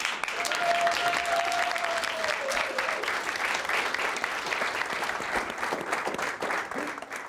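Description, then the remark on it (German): An audience at a festival on Pellworm claps steadily for several seconds to welcome a performer, a dense, even wash of applause with a brief whistle-like tone rising early on and a few scattered cheers. “Einen großen Applaus!”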